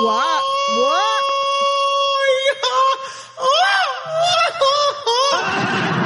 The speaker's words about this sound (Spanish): Y ese grito no fue efecto. Ese grito me lo aventé yo.